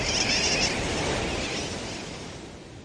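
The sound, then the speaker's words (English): A dense chorus of sooty tern calls from a large colony, many overlapping harsh, nasal cries blending into a continuous, fairly loud din that fades slightly toward the end. “Some say sooty terns derive their nickname wide awake from the kerwackywack or wackywack of their calls.”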